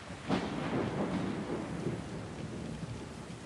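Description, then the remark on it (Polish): A thunderstorm rolls over Rome with a low rumble of thunder over steady, hissing rainfall, the broad wash of rain filling the background throughout without any voices. “Nad Rzymem przetacza się burza.”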